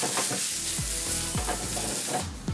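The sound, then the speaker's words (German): Steady sizzling of a piece of salmon frying briefly in a pan, a dense crackling hiss that runs throughout, with a few low scraping stirs and clinks underneath and no talking. “Dann nehmen wir ein Stück Lachs mit. Wir wählen erstmal in der Pfanne kurz.”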